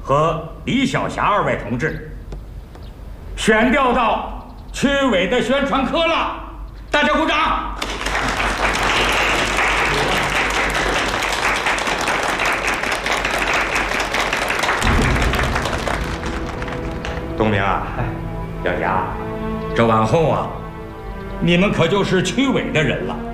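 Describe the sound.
At a Qianjin Machinery Factory assignment meeting, speech gives way to a burst of loud, steady audience applause congratulating two colleagues transferred to the district committee's propaganda section. Many hands clap densely for several seconds before the applause fades back under resumed talking.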